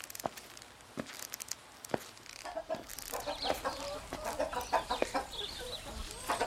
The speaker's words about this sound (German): Weg, ihr Hühner! Bäh! Ekelig seid ihr! Oh nein, sie sind schon wieder ausgebrochen!